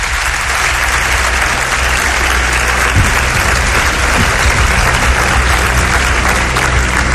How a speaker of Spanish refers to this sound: Un aplauso para él, los pido.